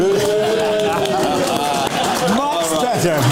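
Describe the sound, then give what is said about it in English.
An audience boos loudly and steadily, a dense chorus of low, wavering voices that swells and dips without a break across the whole few seconds. “Yeah, they stepped that booing up.”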